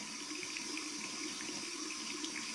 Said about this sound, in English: Why would she leave the tap water running? Does the water bill run cheap?